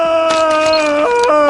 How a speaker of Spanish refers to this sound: ¿Por qué está así? Con tanta anestesia, ya debería estar dormido. ¿Por qué está causando tantos problemas? ¿Por qué? Doctor, venga. ¿Por qué tantos gritos? ¿Que no usan anestésicos aquí?